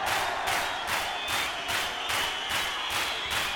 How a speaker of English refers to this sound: Hands up. That applies to all of you. Now clap your hands.